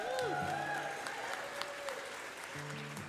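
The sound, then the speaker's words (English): Steady applause from a concert audience at the Reeves Theater, dense clapping throughout at an even loudness, with some voices and calls rising over the noise. “And give yourself a big round of applause for being here tonight.”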